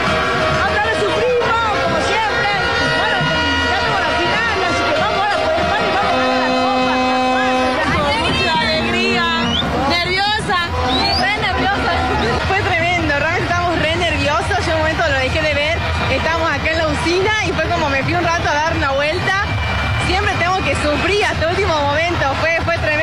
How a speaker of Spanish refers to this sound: ¿Se escucha vos con los efectos del grito de los goles? Acá viene. Estos son los hinchas. ¡Espectacular!